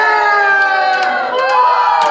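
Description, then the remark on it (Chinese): A busy crowd murmurs and shouts over a steady, dense wash of voices, with bright cheering and children's calls rising above the constant hubbub of a lively night market. “老娘，这是夜市啊。”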